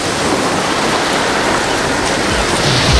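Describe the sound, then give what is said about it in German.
A steady, dense wash of ocean surf rushes continuously at fairly high volume, a broad hiss with no clear gaps between waves and no voices. “Im Hintergrund ist Meeresrauschen.”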